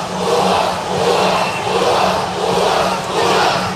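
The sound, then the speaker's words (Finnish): A large home crowd at an ice hockey game roars and jeers in protest at a check along the boards, in a loud, sustained wall of noise that swells and dips in waves, with no clear individual voices standing out. “Yleisöllä on ainakin selkeä mielipide tähän.”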